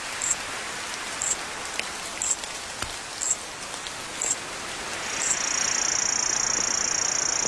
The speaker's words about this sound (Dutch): Ja, 165 miljoen jaar geleden hoorde je dit dus. Als je hier rondliep, ook regen.